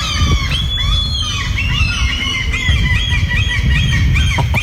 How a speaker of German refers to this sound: Ja, richtig laut. Möwen und Tauben, zusammengefasst Möben, ja. Um Zeit zu sparen.